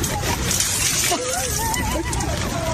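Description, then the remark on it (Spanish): Water splashes and sloshes continuously as someone wades through a big puddle in the middle of the street, fairly loud, with muffled voices mixed underneath. “era más fácil cargar a una niña por la banqueta que no estaba inundada a meterse al gran charco que estaba en medio de la calle.”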